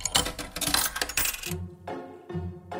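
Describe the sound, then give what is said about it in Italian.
A coin drops into a jukebox with a bright, jangling metallic clatter for about a second and a half, followed by a low mechanical hum in short bursts. “Allora, il nostro jukebox però ha scelto di accontentare questa richiesta qui.”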